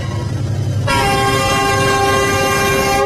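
A loud, sustained train horn blares in after a moment of low rumbling, holding steady over the heavy rolling noise of a train slowly passing along a metre-gauge railway through a market, where vendors have cleared their stalls.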